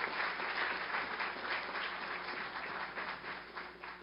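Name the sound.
audience applause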